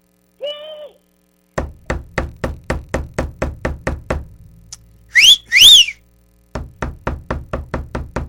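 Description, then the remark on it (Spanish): Rapid, evenly spaced, loud knocks on a door for the students of the Escuela Juan Bosco, in two long runs separated by a pair of shrill rising-and-falling whistles; a short tone sounds before the knocking begins. “para todos los estudiantes ahí de la Escuela Juan Bosco, es más, vamos a tocarles también la puerta, ¿qué te parece?”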